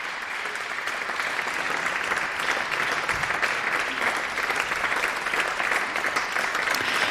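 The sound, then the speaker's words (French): Sustained applause from a large concert audience at the Amplitudes festival in La Chaux-de-Fonds, a dense, steady clatter of many hands clapping at even loudness for several seconds, with no voices standing out. “Sur ces applaudissements, je vous propose de quitter la Chaux-de-Fonds”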